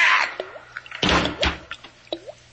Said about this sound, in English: Think how lucky you are, Gomez. You'll never be able to hear that faucet again.